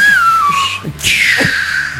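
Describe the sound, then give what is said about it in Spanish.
A voice mimics a whistling firework rocket with a long, sliding whistle that falls in pitch, breaks off, then rises into a second shrill whistle that trails downward, loud. “De esos chifladores, ¿no?”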